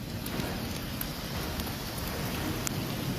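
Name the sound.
heavy rain pouring down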